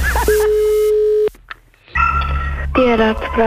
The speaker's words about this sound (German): Das Telefon.